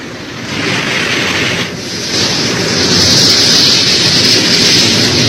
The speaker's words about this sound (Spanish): los habitantes del sector escucharon un ruido aterrador, y antes de que muchos pudieran reaccionar, una verdadera avalancha de agua, lodo y piedras irrumpiría en las zonas habitadas, destruyéndolo todo.